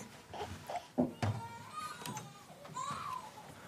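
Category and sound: human body sound, baby crying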